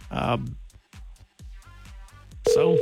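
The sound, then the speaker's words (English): A voice talks briefly, then a loud, steady telephone busy tone cuts in near the end of an outgoing call placed on a Friday morning, clear as if heard through the handset. “She's busy.”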